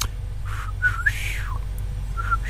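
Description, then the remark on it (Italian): A catcall whistle: short rising notes, then a long swooping tone that arcs up and falls away, with one brief note after, over a steady low background hum and no talking. “complimento, una cosa carina, ma che bella, c'era il fischietto.”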